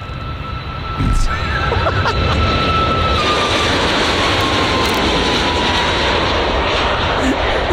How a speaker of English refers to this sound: Well, that sounds like a train of some description. I'd go the other way. It's in the sky. Oh, is it a jet plane? It is. Oh, Ryanair. Yes!